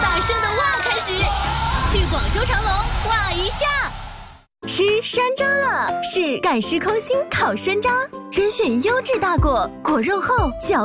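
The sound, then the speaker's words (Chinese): A crowd of people, children among them, shout a loud, excited "wow" together in an advertisement for Chimelong in Guangzhou, followed after a short pause by bright, busy music with more whooping voices. “去长隆，从超大声的哇开始，去广州长隆哇一下。”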